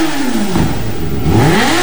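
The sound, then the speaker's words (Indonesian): A motorcycle engine revs loudly in front of a house at midday, its pitch sweeping down and then climbing again as the throttle is blipped, with a rough clattering rumble underneath throughout. “Ini orang di jam tidur siang baru ribut dan gas-gas motor di depan orang ke rumah.”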